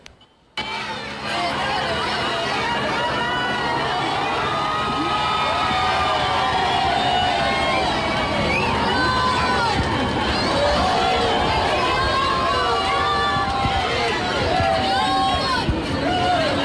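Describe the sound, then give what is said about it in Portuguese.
A large outdoor crowd cheers and shouts continuously as the Pope's popemobile approaches, with many overlapping excited voices, shouts of "Viva o Papa" and scattered clapping, building into a dense, loud roar that stays steady for the whole stretch. “Há sempre muitos gritos de Viva o Papa e também muitas palmas, e este é sempre também um momento de muita confusão.”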